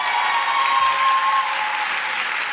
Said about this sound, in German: Applaus und Jubelrufe im Kaisersaal des Frankfurter Römers für Shaida Basia.